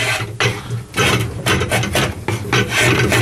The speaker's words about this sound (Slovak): Tu si upnem to pripravené drevo. No a s tým obojručným nožom zrežeme to prebytočné drevo.